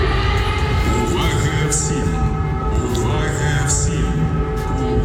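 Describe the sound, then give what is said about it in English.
An air raid warning siren in Ukraine wails on a sustained, steady tone with slight pitch wavers, loud and continuous throughout, its sound echoing around the town over a low rumbling background. “The eerie sound of air raid warnings echoing around Ukraine's towns and cities for more than 4 years now.”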